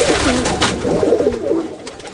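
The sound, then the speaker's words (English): Pigeons coo in low, warbling, throaty phrases that rise and fall, a couple of burbling calls running together over a steady background hiss. “I went through 17 women for my pigeon.”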